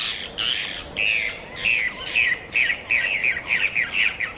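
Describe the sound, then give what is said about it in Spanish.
A Caureí bird sings alone, a string of about a dozen harsh, raspy calls that start spaced out and quicken into a rapid, rhythmic series, clear. “El famoso Caureí, rey de los pájaros.”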